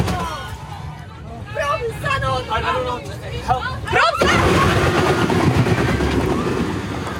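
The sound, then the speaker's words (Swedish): Agitated voices shout "Brake!" in Swedish, then a sudden loud bang as a bus, whose driver fainted with a foot on the accelerator, crashes into a cable barrier near Jönköping, Sweden, followed by several seconds of sustained, heavy grinding and scraping noise. “Men det där när det är ju när bussen kör in i det här vajerräcket.”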